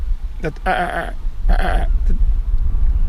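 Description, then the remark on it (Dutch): A lesser black-backed gull gives two drawn-out, nasal, harmonic calls, each under half a second, with a few shorter yelps around them over a steady low rumble. “Kijk eens, daar is die kleine mantel daarachter, ja, weer.”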